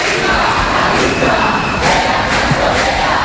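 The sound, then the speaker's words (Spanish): A dense protest crowd on Calle San Jerónimo, heading toward the Congress of Deputies, roars continuously, shouting "viva la clase obrera" with raised fists, voices blending into a loud, steady wash of shouting, with brief surges where the chant swells. “Mira, veo como dos señoras de la limpieza se han asomado a una de las casas y todos les gritan con los puños en alto: viva la clase obrera.”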